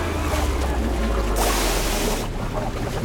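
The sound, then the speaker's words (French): Ocean waves churn with a deep, steady rumble, and one big wave crashes loudly in the middle before the roar settles back into a constant wash of surf. “La plupart se noient dans les vagues.”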